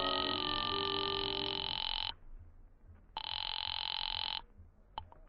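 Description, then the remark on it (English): A telephone rings twice over the line, each long buzzing ring lasting a couple of seconds with a pause between, heard alone and slightly muffled as if through a receiver; a call placed from a phone booth to the Cafe Tambourine. “I waited around the lobby for a while, then stepped into a phone booth and called the tambourine.”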